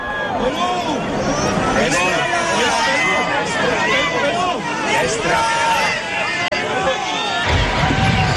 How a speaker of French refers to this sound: Chers amis de KTO, bienvenue sur la place Saint-Pierre de Rome. Avec le pape qui est acclamé par la foule des pèlerins, nous allons participer à l'audience générale de ce mercredi 17 juin 2026.